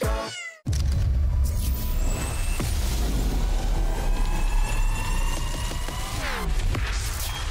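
A cat gives a single short meow right at the start, followed by a sudden cut to a steady, loud droning hum with faint whining tones running underneath.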